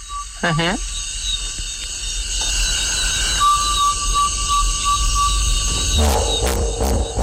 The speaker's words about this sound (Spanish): Y no había visto hipopótamos, o sí, a mi manera, de oídas. Eso es un trombón de varas.